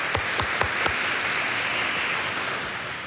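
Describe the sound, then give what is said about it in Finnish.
An audience at a Tuomas Mass church service breaks into steady applause to welcome first-time attendees, a dense wash of many hands clapping evenly at moderate volume with a few sharper claps standing out early on. “Taputukset.”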